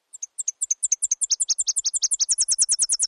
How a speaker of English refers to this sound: This is the Nashville warbler. The Nashville song is a good one to learn because they're quite vocal. They can also sometimes sound a little like a Tennessee warbler.